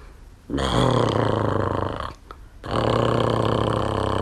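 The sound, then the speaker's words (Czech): A voice imitates Ferda snoring in the stable with two long, loud, low rasping growls, the first about one and a half seconds, then a short pause before a second equally long one. “Jako když Ferda v maštali začne chrápat.”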